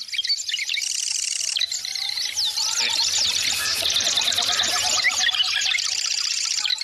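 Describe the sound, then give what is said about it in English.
A marsh wren sings a rapid, buzzy, rattling song of dense trills and chatters, repeating continuously over a faint marsh background for about seven seconds. “The marsh wren.”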